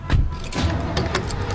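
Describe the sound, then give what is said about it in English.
Keys jangle in short metallic bursts over a low rumbling background, with a few quick clinks spaced across the moment as a family climbs into a car. “All right, everybody in the car, let's go.”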